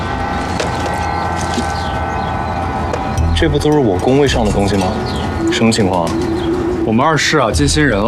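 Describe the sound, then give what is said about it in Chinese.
Pigeons coo in repeated warbling phrases over a steady background hum as someone feeds them rice, the calls growing louder and more frequent in the second half, with possible voices mixed in. “我看你啊，你就适合在这喂鸽子。”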